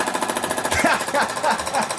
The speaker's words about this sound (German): Ist das ein Specht oder ist das ein Presslufthammer? Eindeutig ein Specht, ja. Genau, Presslufthammer. Wie laut ist der? Boah, was? 125 sagt man auch immer so, ne? Wirklich? 125, 135 Dezibel oder irgendwie sowas? 120, ah, okay.